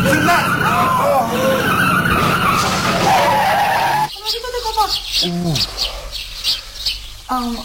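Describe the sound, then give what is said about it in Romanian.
A car engine roars loudly as a person being taught to drive presses the accelerator and the vehicle accelerates hard, tires skidding across the surface for several seconds, followed by short, high-pitched squeals and rumbling as it slows. “Păi apăsați pe accelerator și dați drumul la gaz.”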